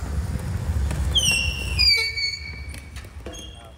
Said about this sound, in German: Mit quietschenden Reifen fahren die Spieler mit den elektrischen Rollstühlen über das Spielfeld.